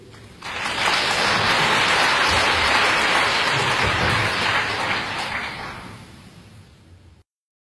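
Sustained audience applause at a concert, welcoming performers: a dense, steady wash of many hands clapping that swells quickly, holds for about five seconds, then gradually thins and fades out. No voices.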